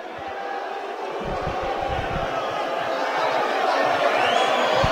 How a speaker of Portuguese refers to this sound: É isso aí mesmo. Vaias e mais vaias da torcida americana. É, ó. Pro goleiro Gustavo, né? Tomou o gol.